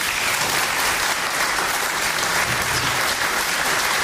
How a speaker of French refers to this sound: on peut déjà les applaudir très fort.